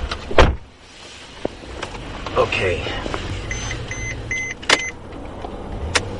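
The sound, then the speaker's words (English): Inside an experimental Mercedes-Benz self-driving sedan in Germany as it gets ready to drive, with a Mercedes engineer at the wheel, heading for the Autobahn: a solid thud near the start, mechanical whirring, then a run of short electronic chimes. Someone speaks a single brief word. “Mercedes engineer … took me for a drive”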